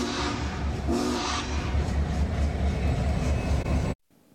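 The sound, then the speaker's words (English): A train, the Iron Giant, on the Union Pacific route along the Platte River rumbles past, a loud, steady roar of engine and wheels lasting several seconds before it cuts off abruptly. No one speaks. “The train still has several more whistle stops along the Union Pacific route, traveling along the Platte River until Grand Island, then heading up towards Columbus.”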